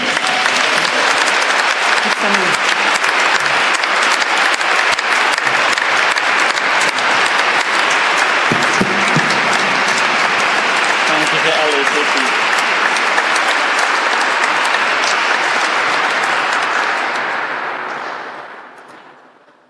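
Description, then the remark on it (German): Sustained, dense applause from an audience for the auxiliary bishop at an archdiocese gathering, loud and steady for most of the stretch before fading away near the end, with faint voices mixed in underneath. “Danke und einen kräftigen Applaus für unseren Weihbischof.”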